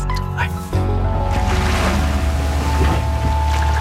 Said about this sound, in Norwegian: Vi starter med litt hav og båt. Lyder her, en skute som seiler på havet.